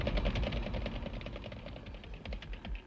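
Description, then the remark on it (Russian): A small engine idles steadily, with a fast, even chugging rhythm and light mechanical clatter, running continuously without any voices. “Ну, а сейчас, Егорыч, выключай движок.”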